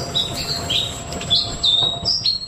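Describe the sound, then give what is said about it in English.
A Black Robin sings a series of bright, high whistled phrases, repeating short sweet notes at a steady pace, clear over a soft background hum, with no talking. “That is the song, the bird song of the Black Robin, which has been named Bird of the Year for the first time, which is very special.”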